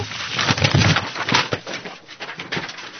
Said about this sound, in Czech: Jej, tak se celý katalog rozpadne. Papíry jsou všude. Se mi to celý pomíchalo. Stránky mám úplně přeházené.